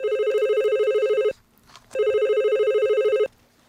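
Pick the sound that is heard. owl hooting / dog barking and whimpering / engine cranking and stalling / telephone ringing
telephone ringing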